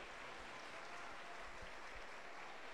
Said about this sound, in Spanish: La Iglesia de Cristo le recibe con fuerte aplauso para Jesús.